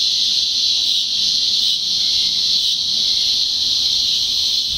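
A loud, continuous buzzing drone of cicadas fills the air, a steady high-pitched shrill that holds unbroken throughout, with no other sounds standing out.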